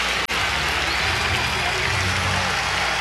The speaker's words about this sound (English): The ninth continues for the White Sox, and these fans, and it's the smallest crowd of the series, a lot of that due to the rain, they're going berserk. Almost as if they expect it.